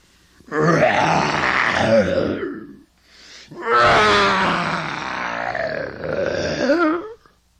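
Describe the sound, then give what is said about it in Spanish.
A lion roars loudly in two long, rumbling bellows, the second stretching out longer than the first, with a brief pause between them and no talking. “El león gritaba muy fuerte, llamando a todos sus compañeros que vivían en ese monte.”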